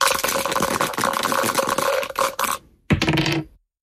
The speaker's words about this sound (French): Je vais vous donner les dés, vous les lancez, et on va voir sur quelle case vous tombez